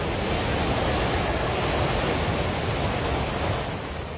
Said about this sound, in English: Videos shared by police and on social media show torrents of muddy water crashing through mountain villages.